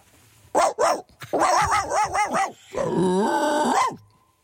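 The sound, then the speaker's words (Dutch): A person imitates a dog: two sharp barks, then a quick run of yappy barks, ending in a long, drawn-out whining growl. “Kun je een hond maken?”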